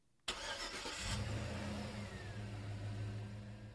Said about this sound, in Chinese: 这首歌很应景，对不对啊？开这个歌曲的前奏一刚开头就是车子的引擎发动声